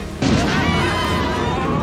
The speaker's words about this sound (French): Non, cet orage est un peu fort, mais ce n'est qu'un orage.